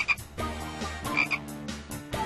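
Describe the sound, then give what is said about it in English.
A frog croaks repeatedly in a steady series of low, throaty calls, fairly loud, with no talking. “Frog.”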